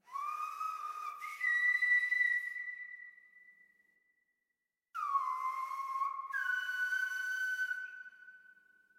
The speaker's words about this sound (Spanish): Entonces sentí la necesidad de venir a la isla de La Gomera, donde me encuentro actualmente, a aprender el silbo gomero, que es una comunicación ancestral en el que los antepasados se comunicaban a través del silbo.